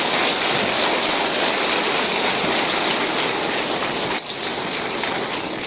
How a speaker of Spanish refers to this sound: Dale un aplauso.